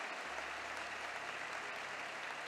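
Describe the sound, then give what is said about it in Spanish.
Steady, dense applause from a crowd given in praise to the Lord during a sermon, a continuous crackle of many hands clapping for a couple of seconds with a low hum underneath and no voices. “Te damos aplausos, Señor, te damos aplausos, Padre.”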